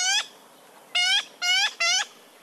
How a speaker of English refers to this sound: Yellow-billed magpies are hefty birds with long tails and sharp beaks. Their bodies are boldly patterned in black, white, and iridescent blue. They're adventurous eaters that often forage on the ground in noisy groups.